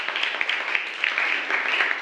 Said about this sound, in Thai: ค่ะขอเสียงปรบมือให้กับตัวแทนด้วยค่ะ